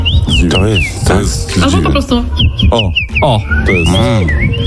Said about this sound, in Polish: O, to jest dziwoń.